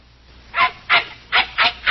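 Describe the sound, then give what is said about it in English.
A shaggy little dog yaps five times in quick succession, sharp high-pitched barks spaced evenly about a third of a second apart, with the last one cut off at the end. “With considerable opposition from a shaggy little four-legged lump of trouble, this is Studio One at CBS.”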